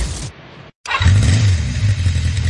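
A motorcycle engine revs loudly, its low throaty drone rising and falling after a brief silent break, with a rough mechanical rattle running through it.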